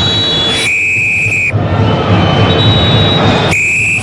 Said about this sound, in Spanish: Pitazo final. Suena el silbato de Carvajal. Sorpresa grande acá, señores. Gran sorpresa. Copa Chile. Primer tiempo terminado.